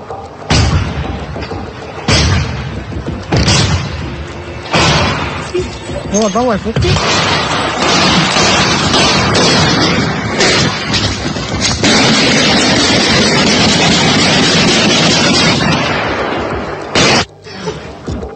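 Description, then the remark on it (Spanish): Heavy-caliber gunfire from an exchange of shots between an armed man and authorities in the Santa Fe residential subdivision rings out in loud, irregular shots spaced a second or more apart, with a couple of quick bursts near the end, over a constant rough, noisy background. “Parte de cómo se originaron y se escucha claramente cuántos disparos y de grueso calibre realizó”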